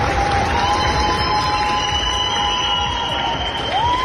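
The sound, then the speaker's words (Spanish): At an airport, a large crowd of citizens gives departing rescue teams from countries such as Spain, Chile, Mexico and the United States a loud, sustained ovation: dense applause and cheering roll on without a break, with long, high whistles ringing over the noise. “Grupos de España, Chile, México, Estados Unidos, solo por citar algunos, se marchan con la satisfacción de haber puesto su grano de arena, y en el aeropuerto los ciudadanos se lo agradecen con una gran ovación.”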